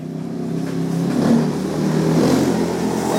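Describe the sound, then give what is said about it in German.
A motorcycle engine revs and runs steadily, a loud continuous rumble with harmonic drone that rises slightly in intensity, with no voices, as the rider sets off over unpaved, sandy roads toward a settlement on the town's outskirts. “Nach seinem letzten Patienten steigt Givasoa Rakutuarivu auf sein Motorrad.”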